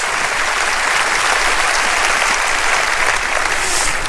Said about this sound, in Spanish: Oh, vamos a aplaudir su grandeza. Vamos a aplaudir su grandeza. Aplauda su grandeza. Aplauda su eternidad.